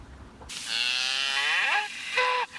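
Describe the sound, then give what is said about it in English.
A cow moos once in a long, loud, drawn-out call that bends in pitch near the end, then gives a brief second bleat, with no talking. “That's a cow moo.”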